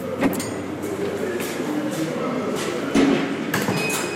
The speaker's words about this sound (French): Une prison, c'est beaucoup de portes qui s'ouvrent et qui se ferment toute la journée.